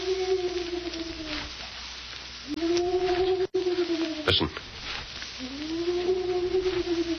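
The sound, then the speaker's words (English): A man imitates the cry of a hoot owl just outside a jail cell in Canyon City, giving three long, low, wavering hoots spaced apart, with a brief spoken word between them and a faint background hiss. “You mean it's somebody imitating the cry of a hoot owl?”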